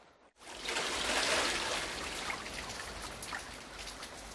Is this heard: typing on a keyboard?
no